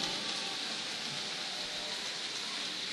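A crowd applauds without pause, a dense, steady wash of clapping that stays at an even loudness throughout, with no voices standing out above it.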